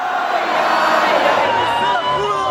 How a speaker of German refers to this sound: Ausgelassen auch die Stimmung am Zocalo, dem zentralen Platz von Mexiko-Stadt. Zehntausende jubeln, doch lange können die Menschen nicht im Freudentaumel schwelgen.